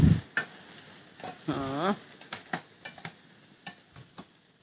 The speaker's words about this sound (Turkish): Biraz da şehriyem kavrulsun.